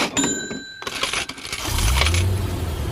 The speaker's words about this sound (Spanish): ¿Escuchaste eso? Suena dinero y auto nuevo. Así es el sorteo UPAEP.